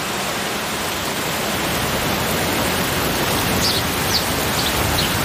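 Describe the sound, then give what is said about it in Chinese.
A heavy rainstorm pours down in a dense, steady roar with no letup. A few faint, high chirps break through near the end, and nobody speaks. “暴风雨常常对白鹳构成威胁，因为它们的巢完全暴露在外。”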